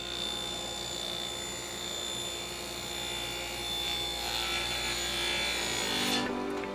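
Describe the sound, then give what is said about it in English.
A circular saw whines steadily with a high motor hum as it cuts wood in a carpenters' wood shop inside a St. Vincent de Paul thrift store in Fort Wayne, Indiana, where plywood and 2x4s are made into furniture. The loud rasping tone holds for several seconds before the bright upper edge drops away near the end. “The hum of circular saws gives life to this wood shop, housed in a corner of a St.”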